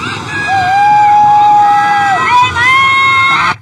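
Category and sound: crowd, crowd cheering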